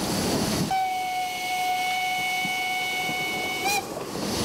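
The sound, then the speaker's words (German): Narrow-gauge steam locomotive 713, run by the Pressnitztaler association during a festival week at Steinbach, sounds its whistle: one long, steady, high tone for about three seconds, then cuts off with a short upward flick, over the rumble of the running engine. No one speaks. “Während der Festwoche wird die 713 vom Pressnitztaler Verein bedient. Heizer und Lokführer haben die harten Jahre des Aufbaus mitgemacht und sind glücklich über das Erreichte.”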